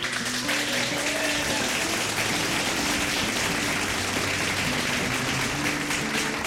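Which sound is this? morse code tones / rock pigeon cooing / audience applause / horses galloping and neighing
audience applause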